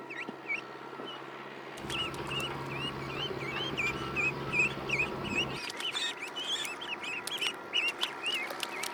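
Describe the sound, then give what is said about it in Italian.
Young ducks in a rice paddy peep over and over in quick, high-pitched chirps, a steady chorus of small calls, with a low rumbling hum underneath for part of the time. “Le giovani anatre non hanno bisogno di esempio o insegnanti per mettersi subito a cercare il cibo nella risaia”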